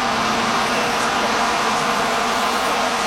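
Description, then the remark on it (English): A dense, unbroken drone of many vuvuzela horns blares together at a World Cup soccer match, one low buzzing pitch held steady over a wash of crowd noise for the whole stretch. “Oh, she's saying it Vuvuzela.”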